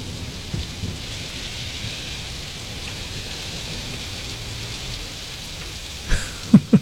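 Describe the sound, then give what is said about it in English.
Steady, hissing rain falls throughout with low rumbling thunder underneath, and a few sharp, loud cracks burst out near the end. No one speaks. “It stopped raining yet.”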